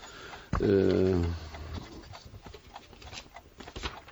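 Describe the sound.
A brief voice sounds near the start, then a pen scratches across paper in quick, uneven strokes as a cheque is written, soft, with small taps and scrapes as it writes.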